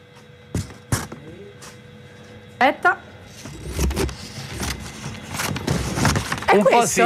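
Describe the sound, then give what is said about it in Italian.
Scissors cut through a sheet of paper live on air: a few sharp separate snips, then a longer stretch of rustling, crunching cutting while people talk over it. “Sta tagliando un foglio in diretta.”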